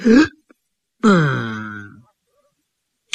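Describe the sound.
A male storyteller imitates a Taoist priest burping after eating as he leaves a restaurant: a short croaky belch, then after a pause a longer, drawn-out throaty burp that trails off, fairly loud, with no speech.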